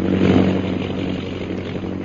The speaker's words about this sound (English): Quickly, turn back. At once, Mem Saab. Bring the plane down as low as you can. Perhaps we can make them out from the air.